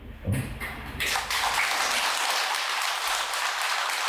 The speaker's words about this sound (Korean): 야, 내가 오늘 여덟 번째 법문인데 여덟 번 만에 처음 나오네 박수 소리가.